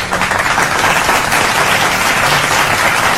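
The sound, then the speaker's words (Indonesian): Loud, dense applause from a crowd fills the whole moment, a steady wash of many hands clapping at once with no pause or voices breaking through. “Tepuk tangan.”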